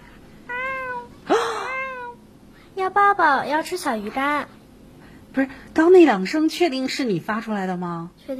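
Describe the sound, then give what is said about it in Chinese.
A child's voice imitates the soft call of a baby kitten, performed as a talent on a livestream, letting out a series of high, wavering meows in short bursts with brief pauses between them, clear. “没有，就是我自己，我很喜欢猫咪，然后我现在慢慢可以学着猫咪那种软绵绵的声音叫出来。”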